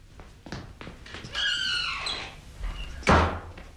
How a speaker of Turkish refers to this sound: Benim Can, kapıyı açsana.